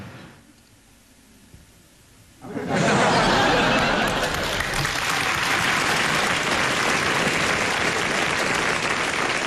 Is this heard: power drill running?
no